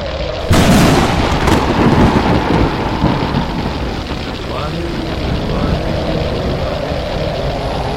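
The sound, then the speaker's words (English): A thunderstorm erupts abruptly, a heavy, sustained rumbling roar of thunder and wind that stays loud and churning for several seconds without easing off. “The powers of the storm shall not come near those filled with the light of God.”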